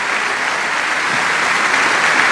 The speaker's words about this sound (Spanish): La Iglesia de Filadelfia también les envía un aplauso de bienvenida esta mañana a este lugar.